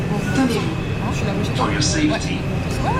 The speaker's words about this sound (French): Alors, on rentre dans le métro, direction, on s'arrête où? À Ouchy.